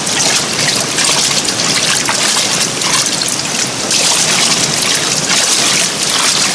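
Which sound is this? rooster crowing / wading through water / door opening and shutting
wading through water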